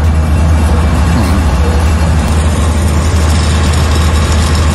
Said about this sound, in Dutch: Generatoren. Heel de straat staat vol. Alle restaurants zijn open, alle winkels zijn open. De mensen moeten overleven, maar er is geen elektriciteit. Dus elke winkel, elk restaurant heeft een generator buiten staan.